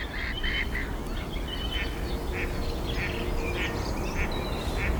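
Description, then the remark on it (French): A blackbird gives its alarm call, a string of short, sharp notes repeated at an uneven pace over a steady rush of background noise, with fainter bird calls mixed in. “Il y a un merle. Piqué pêche.”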